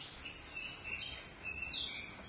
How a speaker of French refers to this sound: Tout ça au son des petits oiseaux de chez vous, Annette Messager.